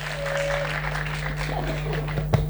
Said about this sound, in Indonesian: Beri tepuk tangan.